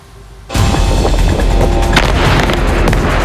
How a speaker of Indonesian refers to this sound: Sebuah ledakan besar terlihat di Lebanon Selatan pada Sabtu. Kantor berita Lebanon NNA menyebut peristiwa ini terjadi di kota Natatieh dan belum diketahui apakah ada korban jiwa dalam serangan yang dilakukan oleh Israel tersebut.